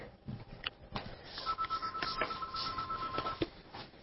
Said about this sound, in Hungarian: A Szabad és Független Tilos Rádiót halljátok 90.3-on, és csüng a telefonunk, gyorsan fölveszem.